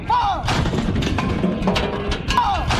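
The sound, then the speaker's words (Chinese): Loud artillery cannons on gun vehicles fire at targets in a rapid series of heavy booms, blasts overlapping into a continuous rumbling barrage, with a brief whistling swoop near the start and end. “炮车出动，炮声隆隆，精准命中靶标。”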